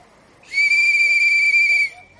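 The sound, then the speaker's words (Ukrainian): A person blows one long, shrill whistle that holds a steady high pitch for over a second, loud, then cuts off abruptly. Only faint background noise surrounds it. “Ой, що я наробив? Я ж свистіти не вмію.”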